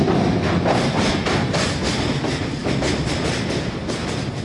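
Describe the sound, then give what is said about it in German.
A Rocky Mountaineer passenger train rolls steadily along the rails at an average of about 50 km per hour, with a continuous rumble and regular clacking of wheels over track joints, fairly loud, no voices. “Der Zug fährt mit durchschnittlich etwa 50 Kilometern pro Stunde, damit die Gäste mit ihren Digitalkameras aus allen Blickwinkeln die Landschaft fotografieren können.”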